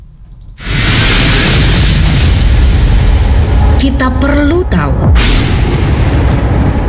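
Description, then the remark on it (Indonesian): A loud clap of thunder bursts in and rolls on as a heavy, sustained rumble, with a short spoken phrase briefly heard over it partway through. “Sebuah kilatan petir bisa mengandung listrik sebesar 1 miliar volt dan mampu menyalakan sebuah lampu 100 watt selama 3 bulan.”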